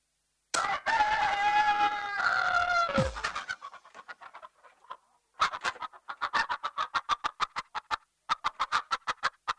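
A rooster lets out one long, loud, drawn-out crow that drops off at the end, followed by a quick run of sharp, rhythmic clucking pulses that continue steadily to the end.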